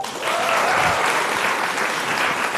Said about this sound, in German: Und dann ist sie absolute Macherin. Auch nochmal kurz Applaus.